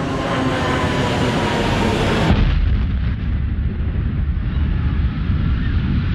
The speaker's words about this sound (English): At 9:03, I heard another loud roar of jet engines, and it got louder and louder.